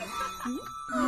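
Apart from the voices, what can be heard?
bell ringing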